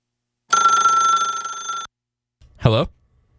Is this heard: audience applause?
no